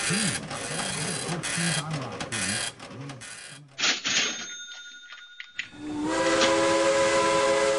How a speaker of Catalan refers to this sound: La locomotora, a tota velocitat, mentre anem cremant trossos de Menorca.